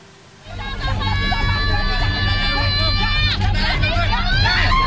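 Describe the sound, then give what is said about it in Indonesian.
Mothers scream hysterically in protest as they block heavy machinery about to demolish the Pamjaya official housing they live in. Their shrill, sustained wails rise over a noisy crowd's babble, with a steady low engine rumble underneath throughout. “Teriakan histeris ibu-ibu ini menjadi benteng terakhir untuk menahan laju alat berat yang hendak meratakan bangunan yang telah mereka huni selama puluhan tahun.”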